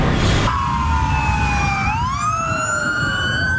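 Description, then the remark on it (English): Emergency vehicle sirens wail in Southern California, their tones sliding down and then rising again over a steady rumble of traffic, loud, with no one talking. “It's the soundtrack to Southern California. Nothing but sirens all the time.”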